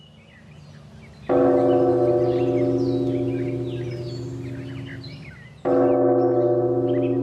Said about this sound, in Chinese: 啊，今天是谁撞的钟啊？